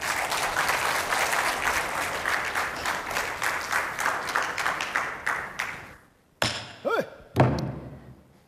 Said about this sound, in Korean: 박수 좀. 네.